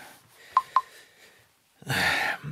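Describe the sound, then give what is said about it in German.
Two short, clear electronic beeps in quick succession as a telephone number is dialed on a phone keypad, followed by a brief burst of loud, rushing noise. “Ich versuche mal Bärbel anzurufen.”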